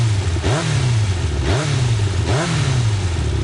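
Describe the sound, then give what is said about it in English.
A Yamaha motorcycle engine revs hard three times in quick succession, each burst climbing in pitch before dropping back, loud, with a steady rumbling idle between throttle blips. “Yamaha revs your heart.”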